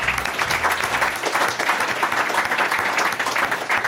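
An audience applauds steadily, a dense wash of many hands clapping at an even, sustained loudness for a few seconds, with no voices standing out.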